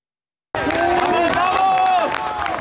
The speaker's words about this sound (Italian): Applausi e lacrime, la reazione di folla ai soccorritori quando dalle macerie riemergono donne e uomini le cui esistenze sembravano inghiottite per sempre nelle viscere della terra, vivi dopo oltre 50 ore dal terremoto